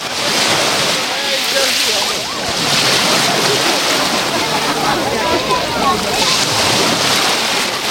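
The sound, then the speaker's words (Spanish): Mediterranean Sea waves break against a breakwater at Playa de la Charca in Salobreña, Spain, on a hot day with a pleasant breeze, a loud, continuous roaring wash of surf that swells in several surges, with hissing spray and churning water throughout. “y con un mar que hoy suena así. Orientamos el micro al rompeolas.”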